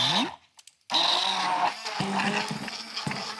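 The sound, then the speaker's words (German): A blender roars loudly, cuts out for a split second, then starts again and runs steadily with a harsh, churning whir as it purées cut strawberries with a splash of lemon juice. No one speaks. “Und dann kommt natürlich unser Mixer zum Einsatz. Jetzt muss ich mal ganz kurz laut werden.”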